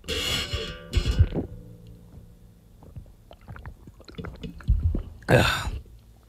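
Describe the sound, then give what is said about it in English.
Someone drinks water into a microphone in a run of wet gulps and small clicking swallows, framed by sharp breathy exhales at the start and a loud gasp near the end. No talking. “I'm going to drink water.”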